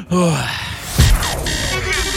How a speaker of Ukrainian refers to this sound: Я спокійно. Я отак, дивись, дихаю.